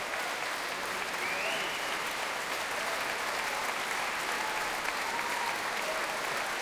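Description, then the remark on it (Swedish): Sustained applause from a large concert audience at a concert by two singers, a dense, steady wash of clapping that holds an even loudness throughout without letting up. “Applåderna vill inte ta slut där ute.”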